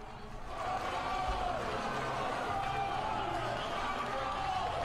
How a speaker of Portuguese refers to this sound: Olha aí, batendo palmas. Porque foi aprovado.